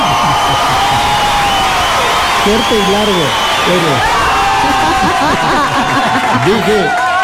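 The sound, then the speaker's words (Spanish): An audience claps and cheers in a loud, steady wash of applause, with whoops and excited voices rising and falling over the continuous clapping for the whole stretch. “Dije abrazo, no dije aplauso.”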